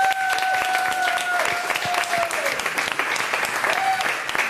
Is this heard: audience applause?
yes